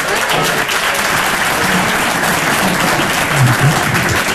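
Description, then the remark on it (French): Steady, dense applause from parents in a sizable audience, loud, holding at an even level throughout with a few faint voices mixed into the clapping. “Est-ce qu'il y a des parents par applaudissement ?”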